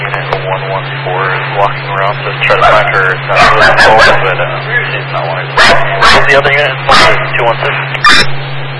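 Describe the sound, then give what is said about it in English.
A dog barks repeatedly in sharp, loud bursts, sometimes in quick pairs, over a steady low hum with muffled voices or radio chatter in the background. “Was from 216, but I think they were a witness, and then you served, you had a background with that dog.”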